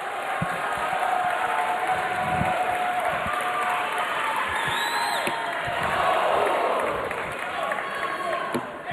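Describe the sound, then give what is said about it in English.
A large darts crowd comes to its feet and swells into sustained cheering and applause for a 13-year-old player from Illinois, a dense roar building steadily in the middle with scattered whoops on top, while a voice speaks faintly beneath it. “Crowd now comes to their feet as they sense it for the 13-year-old from Illinois.”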